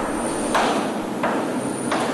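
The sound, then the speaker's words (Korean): Three heavy, evenly spaced thuds of military boots kicking at an office door strike over a steady background hiss with no voices. “사무실 문을 차는 군합 발소리.”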